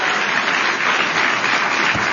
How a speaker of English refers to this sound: I think the kids on the stage who are behaving very well deserve an amazing round of applause.